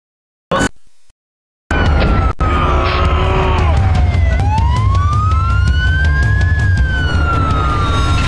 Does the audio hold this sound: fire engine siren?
yes